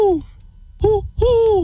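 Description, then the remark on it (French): A person imitates an owl as a party talent, with three voiced hoots: a short falling one, a pause, then two steadier, fairly loud hoots, the last one held longest. “Le hibou.”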